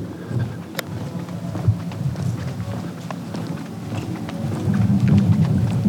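Rain falls through trees a long distance away as a steady, soft wash, with scattered drips and patters over a low rumble that swells slightly toward the end.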